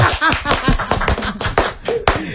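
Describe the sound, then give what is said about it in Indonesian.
Hands clap in a quick, slightly uneven burst of a dozen or so sharp claps, fairly loud, with no voices over them. “Boleh tepuk tangan virtual yang lagi dengerin.”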